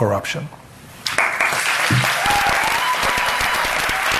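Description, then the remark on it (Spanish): A crowd of students attending a talk on artificial intelligence breaks into sustained applause after a brief voice, the dense clapping rising sharply and continuing steadily, loud, with faint vocal sounds mixed in. “Con los aplausos de los estudiantes que estaban allí participando en esa charla que era sobre inteligencia artificial,”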